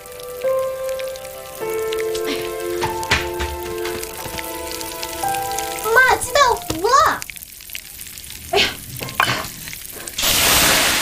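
Burning food sizzles and crackles in a hot pan with scraping and clattering, then water is poured onto it and a loud, steady hiss of steam surges up at the end, over sustained tonal humming.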